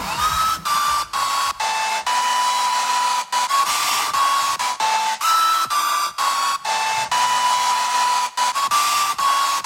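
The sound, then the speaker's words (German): A loud, steady hair dryer roars throughout while a popular hit song for a music quiz plays faintly underneath, its tune barely poking through the blowing noise, which cuts out briefly several times. “Deshalb haben wir heute bei unserem Musikquiz immer drei Wecker einen großen Lieblingshit in einem Föhn verloren.”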